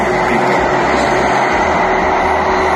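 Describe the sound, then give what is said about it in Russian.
A low-flying attack drone passes right over a house with a loud, steady engine buzz like a moped motor, a constant droning hum over harsh rushing noise throughout, with no voices. “Я думал, на мопеде туда проехал. Нет, это пролетел над головой.”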